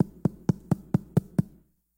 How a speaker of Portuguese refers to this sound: Olha o que vai acontecer quando o capitão bate na porta de Eliseu.